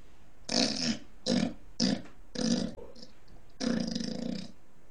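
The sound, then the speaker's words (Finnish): A person imitates a pig with five rough, guttural grunts, the first four short and choppy, the last one longer and drawn out, as part of a series of six animal sound imitations. “Sitten tulee sika.”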